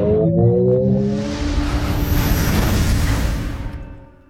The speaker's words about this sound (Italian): Finalmente abbiamo sentito la voce della Ferrari Luce. Ne abbiamo parlato, ricordate, in una puntata qualche giorno fa.